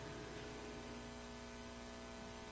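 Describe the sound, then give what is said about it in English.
Faint, steady radio static hisses throughout, with a low electrical hum underneath and no distinct bursts or voices, just a quiet, even wash of noise, from a radio turned up in a studio. “And I turned up the radio in the studio and still could not hear anything. The occasional static glitch.”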